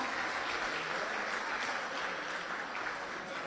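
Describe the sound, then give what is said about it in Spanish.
A crowd claps steadily for the Cazapá representative, a dense, even wash of many hands applauding at constant loudness for the whole stretch, with no voices standing out. “Fuerte ese aplauso para Cazapá.”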